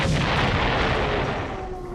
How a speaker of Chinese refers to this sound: 正在这时，刺耳的警报声又响了起来，随之而来的是日机的引擎轰鸣声，昆明城内四处响起了爆炸声。